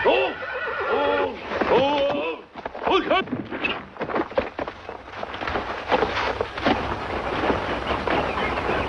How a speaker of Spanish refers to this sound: Quieto, quieto. En la cuadra hay también un caballo de tiro.